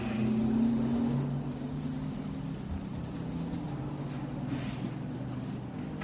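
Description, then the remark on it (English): The race car Era rolls into the pits, its engine holding a loud, steady low drone at modest revs, the pitch shifting only slightly over several seconds, with no voices. “That's Era coming into the pits.”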